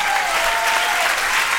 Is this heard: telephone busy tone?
no